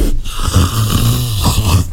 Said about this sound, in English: Well done if you said today's creature calling in is a leopard.